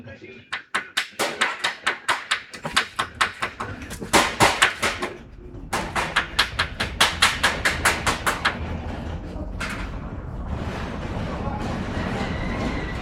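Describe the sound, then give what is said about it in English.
A hammer strikes in a steady, rapid series of sharp metallic blows that grow louder and quicker, then stop and leave a low, lingering rumble. “As soon as the hammer intensifies, I want the big truck to enter the shot from the left-hand side.”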